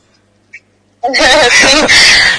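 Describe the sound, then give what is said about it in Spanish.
Parrots squawk loudly, a brief chirp first, then a sustained burst of harsh, wavering screeches that fill the rest of the moment. “Y claro, y de paso le decía, haga un video y grabe acá los loros que tenemos acá.”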